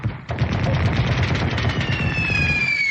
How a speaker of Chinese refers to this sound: 他关掉了收音机，但激烈的枪声依旧。铁院长终于确信枪声来自于山上，于是再次冲到窗前。